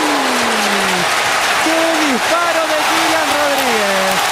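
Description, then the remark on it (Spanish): A loud, steady football stadium crowd roar at the Gran Canaria stadium, after a shot by Kirian Rodríguez of UD Las Palmas against Málaga that goalkeeper Alfonso Herrero saves, fills the whole stretch without letting up, while a man's voice calls out excitedly over the noise. “¡Qué disparo de Kirian Rodríguez! El Gran Canaria que se viene arriba.”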